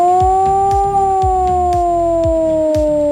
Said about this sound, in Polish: A w całym kraju można dziś usłyszeć wycie syren alarmowych. To w ramach ćwiczeń Alarm 26. Uruchamiane są syreny, których sygnał brzmi w ten sposób.